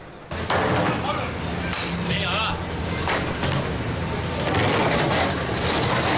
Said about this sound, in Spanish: Sí que da más pena, porque están metiendo los postes en la furgoneta de la carpintería Hermanos Aldaz, o sea que se va.